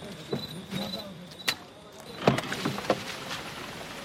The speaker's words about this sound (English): The truck is moving. They're moving.